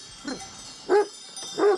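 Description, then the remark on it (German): A mountain sheepdog, raised and trained to herd sheep, barks three times at roughly even intervals, the last two louder and fuller than the first, against a steady background hiss. “Sie sind so ursprünglich wie die Hunde hier.”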